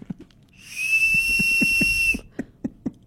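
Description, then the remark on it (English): An Oscar Mayer toy wiener whistle blown in one steady, shrill, high-pitched tone lasting about a second and a half, loud, with soft knocking or tapping sounds before, under and after it. “Oscar Mayer wiener whistle.”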